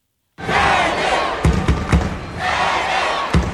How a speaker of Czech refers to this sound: To judo tady je opravdu velice populární. Ono to je vidět i na té hale, že opravdu je narvaný publikum a ta atmosféra je opravdu krásná, když nastupuje domácí závodník.